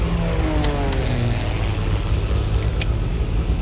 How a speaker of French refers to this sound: Le boucan d'enfer que tu entends, c'est un Twin Otter, un petit avion à spatule pour se poser sur la glace. Il a décollé il y a 2 heures de Resolute Bay, un village inuit situé tout au nord du Canada.